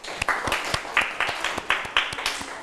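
A group of students claps for group 1 after it answered correctly, in a steady, rhythmic pattern, about four crisp claps per second, moderately loud, with no talking.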